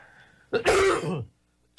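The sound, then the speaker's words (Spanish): A loud, rough cough, a harsh rasping burst lasting most of a second, followed by a brief pause and the start of another. “Y la tos no es por los 3 matrimonios.”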